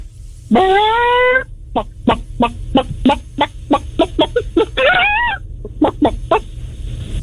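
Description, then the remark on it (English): A person imitates a chicken as a sound effect, opening with a drawn-out squawk, then a quick run of rhythmic clucks broken by a second rising squawk before the clucking resumes. “I could do a chicken.”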